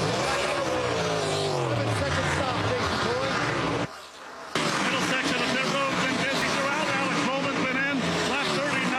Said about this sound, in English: As the right side of the car goes up, Sunoco fuel going in. Now around to the right side of the car, Jack lifts up the car, tires going on.